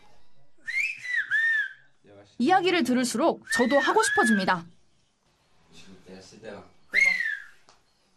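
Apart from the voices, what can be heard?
human whistling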